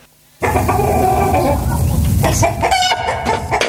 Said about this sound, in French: Aujourd'hui, nous allons parler de l'élevage de poules. Notre invité, notre poule Coco.